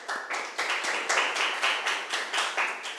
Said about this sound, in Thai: ถูกต้องค่ะเก่งมากปรบมือให้เพื่อนหน่อยค่ะ